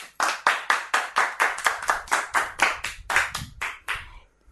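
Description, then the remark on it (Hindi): Loud, sharp hand claps in a steady, even rhythm, about sixteen in a row over four seconds before stopping, as an audience applauds a performer at the host's request. No voices are heard. “एक बार फिर से जोरदार तालियां।”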